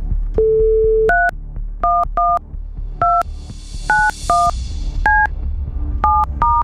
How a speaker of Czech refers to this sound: Vytočeno, hlásím. Zvoníme.